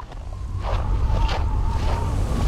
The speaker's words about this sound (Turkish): Kış harikalar diyarına dönüşmeye başlıyor. Burada korkunç bir rüzgar var. Kışın ilerleyen zamanlarında -35 derecede rüzgar sizi döverken su kenarında olmak istemezsin.